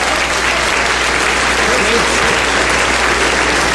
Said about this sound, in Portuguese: Então receba o anjo da igreja com palmas de vitória para Jesus.